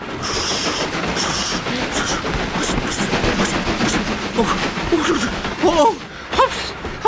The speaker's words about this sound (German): Thomas holpert und hüpft auf dem buckligen, wackligen Gleis. Seine Waggons springen wie bockige Pferde.